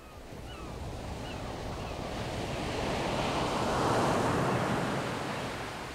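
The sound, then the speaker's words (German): Ocean surf rolls in under steady wind, a broad wash of noise that swells to a loud crest about two-thirds through, then begins to ease. No voices. “Denn ich mag dieses Herbe, das Raue, das salzige Graue, das Wasser, den Nebel, den prasselnden Regen, die wogenden Meere, die drohenden Gebärden des Wetters, wenn Wolkenturmhöhen den Himmel beschatten.”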